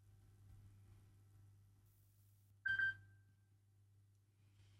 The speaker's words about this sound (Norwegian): Det ringer, det ringer, hør vel kan det være. Hallo?